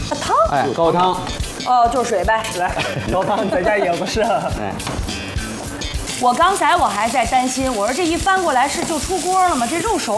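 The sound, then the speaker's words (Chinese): Steady sizzling of large pieces of egg-coated meat frying in a wok for guota, a Shandong-style dish, runs the whole way through, with occasional clatters as the wok is flipped, while people keep talking over it. “这个还是得翻勺。 哦， 这个翻呢，家里的呢，你就得，你看，你就得这么翻。”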